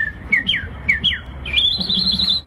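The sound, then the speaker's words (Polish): A human voice imitates birdsong at a bird-call imitation contest: several quick whistled chirps with downward slides, then a sustained high, warbling trill, loud against a faint murmur in the background. “Ptasie trele wychodzące z ludzkich ust budzą entuzjazm.”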